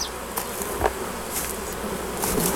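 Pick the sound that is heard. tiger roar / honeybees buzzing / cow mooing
honeybees buzzing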